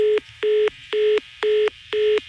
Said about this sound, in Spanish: Esa colgada de teléfono y una mentada de madre es lo mismo.